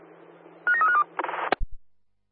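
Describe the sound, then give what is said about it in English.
A toilet emergency alarm in a public toilet being tested: a short run of electronic beeping tones, then a harsh buzzing burst that cuts off with a couple of clicks, fairly loud, with no talking. “this is PTA Thornley checking the US alarm in the public toilet”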